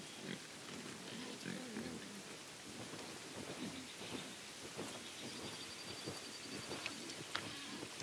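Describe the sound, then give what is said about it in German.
Semi-wild Iberian black-footed pigs roaming freely in a cloud forest that is part of Europe's largest cork oak forest grunt repeatedly in low, rough bursts over a steady, hissing wash of rain-like noise, with no talking. “Iberische Schwarzfußschweine können sich hier genauso frei bewegen wie Schafe.”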